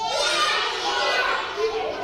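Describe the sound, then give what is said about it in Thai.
A group of children in a class loudly imitates monkey calls all at once after the teacher asks how a monkey cries, a steady, high-pitched chorus of hoots and shrieks that overlaps without pause for about two seconds. “ต่อไปมีอะไรอีก ล ิงร้องยังไงเอ่ย”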